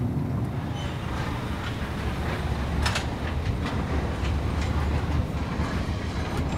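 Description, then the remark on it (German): A car carrier train, heard from on board where the vehicles stand, rolls steadily along the rails with a constant low rumble and sharp metallic clicks and clacks scattered through it, with no one speaking. “Letztes Jahr im Sommer stand ich 5 Stunden hier auf dem Zug.”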